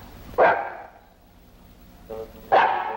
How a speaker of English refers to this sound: Well, there's your dog anyhow. You better call him. Come here, Tiny. Tiny, come here. He doesn't seem to mind very well.